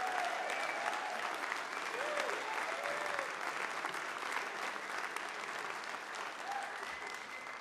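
A crowd applauds steadily, a dense, sustained wash of clapping that stays loud for the whole stretch, with a few faint whistles or cheers poking through.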